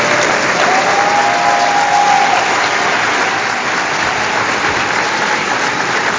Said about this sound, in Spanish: Y un aplauso muy especial a nuestro queridísimo